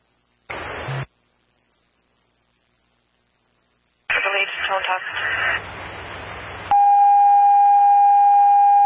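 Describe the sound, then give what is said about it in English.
A short radio squelch burst, a pause, then a crackly radio transmission with voice and static from Sonia Dispatch (QAZ 670) during its nightly radio and tone test at 18:16 hours, ending in a long, loud, steady dispatch paging tone that holds to the end. “QAZ 670 and Sonia Dispatch on the air with nightly radio and tone test delayed at 18:16 hours.”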